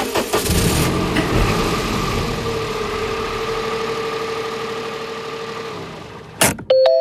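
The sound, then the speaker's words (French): A car engine cranks and roars to life as people get in to drive to Champ-Sanglard, then settles into a steady, fairly loud running hum for several seconds, ending with a sharp click and a short electronic chime. “Bah écoutez, on y va alors, on monte dans la voiture.”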